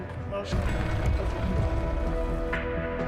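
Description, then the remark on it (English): Steady rain patters in a dense, continuous hiss, with a few louder splashes and indistinct voices murmuring underneath. “But it's currently raining, so.”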